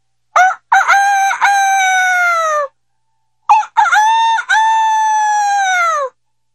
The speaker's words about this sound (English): In the morning, the village cockerels called out to greet the dawn.